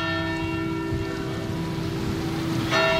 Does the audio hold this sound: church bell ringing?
yes